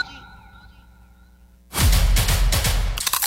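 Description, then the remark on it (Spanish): A soft steady tone gives way to a loud crunch of a Crunch brand tortilla chip being bitten, followed by a burst of crackly chewing with several sharp crisp pulses. “Así suena Crunch, la tortilla chip más crujiente, saludable y deliciosa.”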